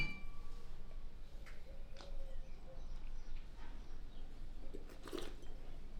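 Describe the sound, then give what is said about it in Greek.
Champagne glasses holding a Blanc de Blancs, 100% Chardonnay, Vintage 17, clink together a few times in a toast, bright ringing taps over a low, steady hum, with the sharpest chime coming near the end. “Στην υγειά μας. Στην υγειά μας.”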